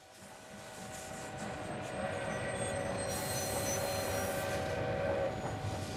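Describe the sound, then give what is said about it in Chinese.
A train rumbles steadily with a sustained metallic squeal and tonal whine, growing slightly louder over several seconds before easing off, heard alone without any talking. It is a train pulling out of Changxindian railway station in the early 20th century. “20世纪初，一辆火车从长辛店火车站驶出。”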